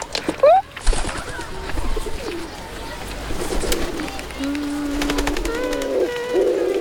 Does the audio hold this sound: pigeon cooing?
yes